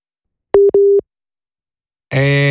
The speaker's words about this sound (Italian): La linea ci ha lasciati, altro che nucleare, qui siamo ancora alle linee telefoniche.